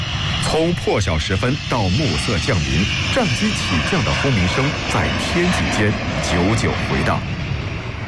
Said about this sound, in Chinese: 从破晓时分到暮色降临，战机起降的轰鸣声在天际间久久回荡。